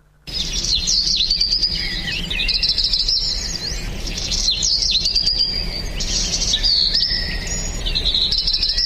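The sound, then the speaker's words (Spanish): Small birds chirp insistently at the start of a new day in dense, overlapping high-pitched tweets and trills, a steady chorus over a low background hum, with no one talking. “Y como siempre decimos, un poquito más, y los pajaritos que son insistentes, porque comienza un nuevo día, un miércoles 20 de mayo.”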